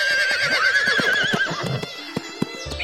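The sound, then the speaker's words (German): A horse gives a long, wavering whinny, then several sharp hoofbeats clop out in an uneven rhythm as the call fades. “Ich musste mich zur Feder auf sein Pferd setzen und wir ritten los.”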